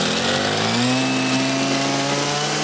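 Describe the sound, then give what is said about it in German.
A motorized brush cutter (Motorsense), used to clear hiking trails, runs steadily for the whole stretch, its loud, buzzing two-stroke engine holding a constant high whine that climbs slightly in pitch. No voices. “Ja, du machst mit der Muttersense schon einen bedrohlichen Eindruck.”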